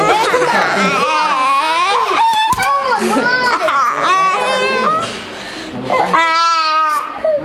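A child cries and screams loudly without pause after his mother threatens to delete the online game on her phone, high wavering wails rising and falling in uneven bursts, ending in a long shrill, quavering scream.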